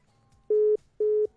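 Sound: phone line cut off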